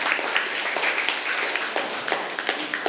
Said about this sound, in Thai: กลุ่มที่ทำถูกนะคะถูกต้องก็คือกลุ่มที่1กลุ่มที่3รวดเร็วก็จริงแต่ยังไม่ถูกต้องนะคะเมื่อสักครู่ครูตรวจสอบแล้วอ่ะกลุ่มที่1ปรบมือให้กลุ่มที่1ด้วยค่ะ